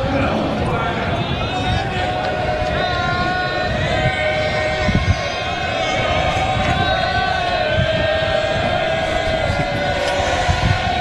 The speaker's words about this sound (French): La foule qui s'anime, pourquoi pas?